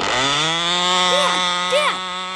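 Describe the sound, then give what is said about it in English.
A small model airplane engine runs with a loud, steady high-pitched buzz, its pitch wavering slightly and briefly dipping twice as it revs. “Right now, my son is more interested in models. Airplane models, that is.”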